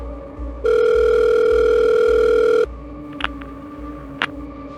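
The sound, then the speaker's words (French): A single steady electronic telephone ring tone, an incoming call to the police services of Montpellier from a young woman, sounds for about two seconds over a low, rhythmic pulsing beat, followed by a few faint clicks. “Les services de police de Montpellier vont recevoir un appel téléphonique d'une jeune femme qui indique qu'elle a reçu des appels désespérés de sa sœur, disant qu'elle avait été enlevée et qu'elle était séquestrée dans le coffre d'une voiture.”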